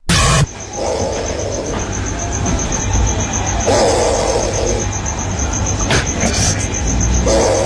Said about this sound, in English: As I walked outside, John, and I looked up a tree, there was a snoring possum. That's a possum?